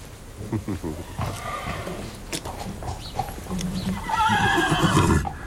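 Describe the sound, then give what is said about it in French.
A stallion neighs and whinnies loudly several times, with shrill harmonic cries rising and falling, after a gust of wind brings him the scent of a mare, while a man's voice talks intermittently alongside. “Alors là, les étalons, dans ce cas-là, ils ne sont pas toujours aimables.”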